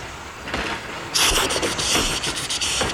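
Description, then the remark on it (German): A steam locomotive hisses loudly as steam is forced through its valves and chugs at full steam along the tracks, its noisy bursts of steam rising to a steady, rhythmic chuffing, with no voices present. “Mit aller Kraft lässt er den Dampf durch die Ventile zischen. Er ächzt und keucht mit Volldampf die Gleise entlang.”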